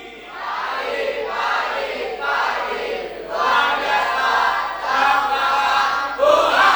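A large group of high school students at SMA Negeri 2 Banjar shouts a morning greeting together in loud, sustained bursts, rising and falling in several drawn-out waves of enthusiastic crowd yelling.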